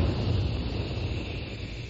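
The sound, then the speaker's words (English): A steady, rushing hiss of a jet of moisture spray, standing for the moisturized Raleigh 903 cigarette in a radio advertisement, holding at an even loudness for about two seconds with no voices over it. “That jet of fresh, pure moisture stands for the new, different, moisturized Raleigh 903.”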